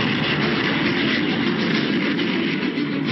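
A loud, steady roar of military aircraft, sustained, with a dense rumbling drone that stays constant throughout and no voices. About 150 Syrian warplanes opening the war with heavy bombing of Israeli positions in the Golan.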